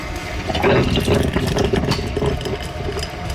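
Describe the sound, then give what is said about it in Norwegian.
A Moccamaster coffee machine brewing, the first drops running down onto the coffee grounds: a steady, fairly loud gurgling rumble with a low hum and uneven bubbling surges running throughout, with no one talking. “Det lyden av en mokkamaster, det altså en kaffemaskin.”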